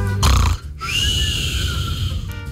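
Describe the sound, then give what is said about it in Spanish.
A voice imitates snoring with a whistle: a harsh, rattling inhale followed by a long, thin whistling tone on the breath out, fairly loud, with no other talking. “Hay unos que roncan con silbido.”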